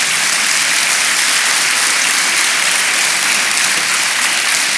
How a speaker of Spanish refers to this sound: Proverbios 3:5, denle palmas al Señor.